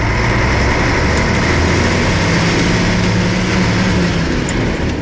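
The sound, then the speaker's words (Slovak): A heavy Tatra truck engine runs steadily for the whole stretch, a loud, even diesel rumble with low droning tones and a constant hiss above, on a road in a deep forest hollow between České Velenice and the Austrian border zone in the early morning. There are no voices. “obaja sediaci v kabíne Tatry a na korbe auta ukrytý zvyšok kompánie.”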